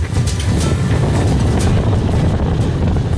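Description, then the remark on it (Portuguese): Strong wind blows steadily over an oasis of dunes and freshwater lagoons in northeastern Brazil, roaring and buffeting with a deep rumble and brief gusty hisses, no voices present. “No oásis, quem dita o ritmo é a natureza. E quem manda é o vento.”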